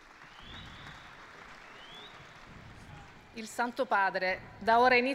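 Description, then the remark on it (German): A crowd at Pope Leo XIV's general audience on the Sagrato claps for the Pope as he takes his seat, a steady, dense wash of applause for a few seconds, then a man's voice starts speaking over the fading clapping. “Es gibt Applaus für Papst Leo den 14., der jetzt seinen Platz einnimmt.”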